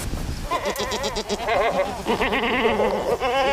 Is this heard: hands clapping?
no